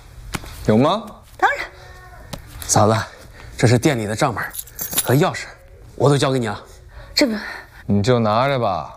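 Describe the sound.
A light jingle of keys rattles in short bursts, mostly under steady voices talking, with small metallic clinks between phrases, as a restaurant's keys are handed over together with its account book.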